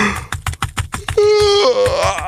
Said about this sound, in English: Okay, a little bit of yawning, a little bit of clickety click click, and then that's just actually the sound of someone like legally moving money from taxable to strategically positioned.